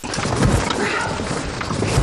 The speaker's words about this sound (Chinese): 先把发动机能不能打着火？